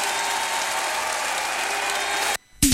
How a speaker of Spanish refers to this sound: ovación.